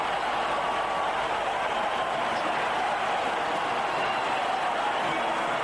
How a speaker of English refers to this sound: And he's reached his 100. This is a top innings. big ovation from a packed crowd here.